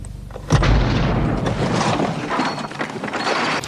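A sudden deep explosion of a powerful car bomb, planted under the driver's seat, bursts about half a second in, loud, followed by a sustained rumbling roar with crackling debris that carries on to the end.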